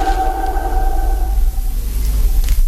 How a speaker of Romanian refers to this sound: Clopotul s-a oprit, majestate.